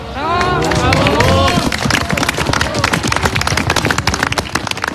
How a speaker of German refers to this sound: Applaus für die Hirtenkinder auf der winterlichen Bühne. Ein Hirtenspiel in einer Kulisse, die das Märchenbuch nicht besser präsentieren könnte. Der Salzburger Bergadvent im Großaartal hat uns heute in die Alpen gerufen.